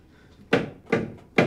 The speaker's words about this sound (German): Hörst du das Klopfen? Ja, logisch höre ich das.